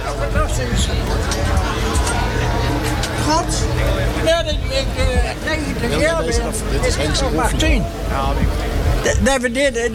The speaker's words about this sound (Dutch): de motor ronkt ook